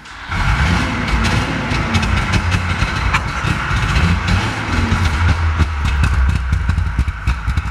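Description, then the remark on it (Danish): A 1965 DKW F12 convertible's engine runs continuously, a loud, buzzy low rumble with rapid sputtering pulses and a brief wavering in pitch, heard alone without any voices. “Prøv lige, vi skal lige prøve at høre, hvordan sådan en bil den lyder.”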